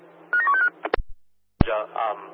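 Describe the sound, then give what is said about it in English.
A quick run of four or five short touch-tone dialing beeps at steady pitches as a phone call is placed, followed by sharp clicks, a pause, and then a voice speaking over a thin, hissy line. “Oscar One, TRG, just stand by for a phone call.”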